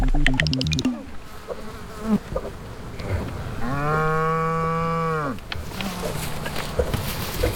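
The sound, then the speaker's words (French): A large Normandy cow lets out one long, drawn-out moo midway through, loud, surrounded by outdoor background noise and the buzzing of a fly. “Je sens des vaches là-bas.”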